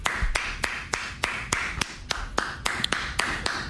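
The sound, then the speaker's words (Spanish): A person claps steadily after admitting he was wrong, about a dozen sharp claps at a quick, even rhythm, with a faint background hiss and no voices. “si vas a aplaudir cada que te equivoques, te vas a esas manos las vas a acabar con sangre.”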